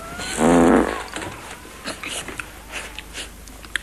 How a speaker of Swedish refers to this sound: pruttar, skyller på soffan